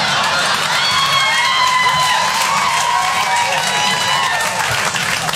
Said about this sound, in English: See how they cheer? They are so against us.